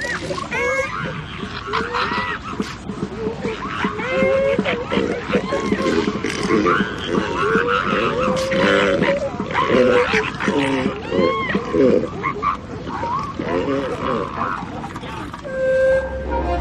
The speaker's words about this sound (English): The flatulent sound is coming from the elephant seal's nose as he clears it of sand.